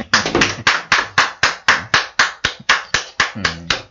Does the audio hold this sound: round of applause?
yes